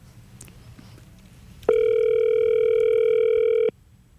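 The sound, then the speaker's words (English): A single steady electronic ringback tone from an outgoing phone call placed live from a studio in Sydney, about two seconds long and clear, over faint low background noise with no talking. “Ringing.”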